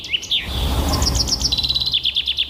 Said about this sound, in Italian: Allora, l'imitazione noi non l'abbiamo trovata, ma il fringuello rosa comune fa proprio così.